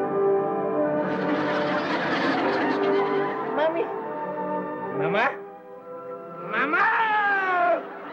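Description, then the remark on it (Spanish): A cat meows, loud and drawn out, with a long wavering cry followed by two shorter rising-and-falling meows after brief pauses. “Sí, decía que el gato debe andar por ahí.”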